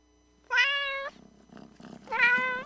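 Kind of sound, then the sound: animal, cat meowing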